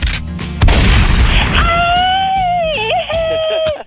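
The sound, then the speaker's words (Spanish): A gunshot sound effect: a loud boom bursts out, followed by a drawn-out wavering wail as someone cries out in pain. “¿Se acuerda de la que recibe los balazos”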